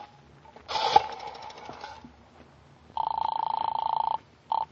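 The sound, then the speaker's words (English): An old telephone rattles and clatters as it is handled to call the operator, then its bell trills loudly in a long, rapid ring, followed by one brief final burst. No one speaks. “I said hand me the phone.”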